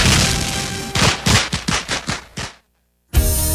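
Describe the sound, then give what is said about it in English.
Fireworks explode in a quick, uneven string of about seven loud, sharp bangs over a steady crackling hiss, then cut to a brief silence before the hiss returns. “Light up your night with Taylor's Fireworks.”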